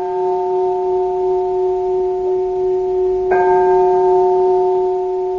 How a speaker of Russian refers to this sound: А теперь давайте снова послушаем звон колоколов.